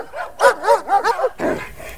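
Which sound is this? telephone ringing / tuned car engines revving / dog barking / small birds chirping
dog barking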